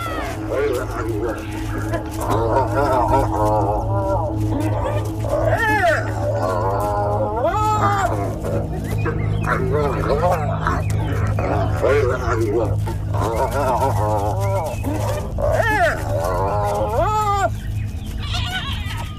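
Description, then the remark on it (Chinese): Spotted hyenas growl, squeal and whoop in a continuous scuffle as the clan leader's daughter aggressively attacks her companions, demanding submission. Their rising and falling cries overlap throughout over a steady low rumble. “斑鬣狗首领并不喜欢这样。”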